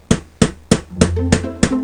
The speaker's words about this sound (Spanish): Los golpes de martillo no paran de sonar desde las 7 de la mañana hasta por la noche en la calle Tverskoy Proyezd.